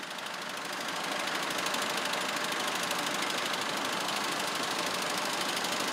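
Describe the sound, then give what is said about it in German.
An old Deutz tractor engine runs steadily, a rapid, even diesel knocking at a constant pace, loud and unchanging throughout with no voices. The tractor is due to mow grass for the horses that day. “Wird auch Zeit jetzt, denn der alte Deutz soll heute noch das Gras für die Pferde mähen.”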